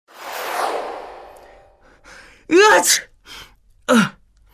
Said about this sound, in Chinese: 打了一个喷嚏，揉了揉自己的鼻子。